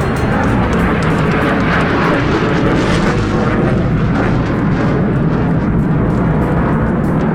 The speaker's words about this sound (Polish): Panie i panowie, spójrzmy na niebo po państwa lewej stronie, bo właśnie tam są samoloty, które wykonały uroczyste przeloty w ramach powitania z Polską.